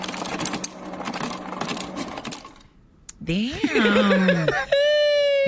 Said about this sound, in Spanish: ¿Cuál es? Hielo saliendo de un refrigerador.